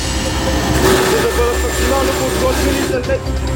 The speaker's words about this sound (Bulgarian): В сезона на пожарите специален репортаж от борда на военния хеликоптер Кугър.